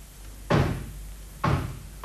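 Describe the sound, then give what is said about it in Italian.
Three solid, loud knocks on a door, spaced unevenly with the last coming quicker, over a faint steady background hum and no voices. “Senti, bussano alla porta.”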